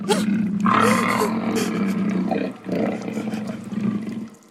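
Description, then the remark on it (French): A fierce lion roars loudly at its den, a deep sustained rumbling bellow that swells, dips briefly, then rises again before fading. “Échapper à un maître cruel! Pour tomber sur le repère d'un lion féroce!”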